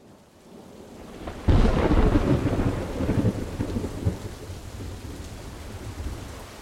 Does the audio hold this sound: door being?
no